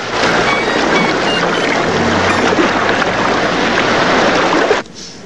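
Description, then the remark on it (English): Steady wash of shallow water splashing and lapping over a silver watch lying on a rock amid stray leaves of kelp by a bay, a dense hiss of churning water that stays loud throughout, then cuts off abruptly near the end. “Shallow waves lap over Mac's silver watch, lying forgotten on a rock amid stray leaves of kelp.”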